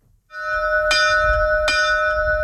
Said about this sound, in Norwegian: Gardsklokka kling like godt i dag som for snart 200 år siden.